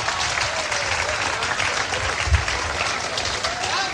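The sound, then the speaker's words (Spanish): An audience at a church service applauds steadily for the Lord, a dense, continuous wash of many hands clapping at an even loudness for several seconds, with a faint murmur of voices mixed in. “Denle el aplauso al Señor, bien grande.”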